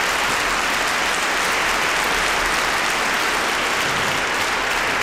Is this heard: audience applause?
yes